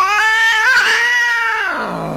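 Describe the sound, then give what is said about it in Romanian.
A single long, drawn-out cat yowl, loud, its wavering pitch climbing slightly before sliding down as it fades out. No one speaks. “Ghici, cine e? Ce ușoară ghicitoare. Pisica.”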